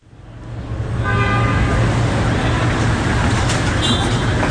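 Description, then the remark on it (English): Dense city traffic in Lima, the capital of Peru, fills the scene, a steady roar of engines with car horns tooting over it, fading in quickly and staying loud throughout. “Peru's capital, Lima, is a bustling metropolis known for its food, its architecture, its sweeping sea views.”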